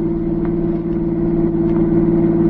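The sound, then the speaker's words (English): A car engine drones steadily while driving toward the French border, a loud low hum with constant harmonic tones and a slight rumble, holding even for the whole stretch with no voices. “Stop the car.”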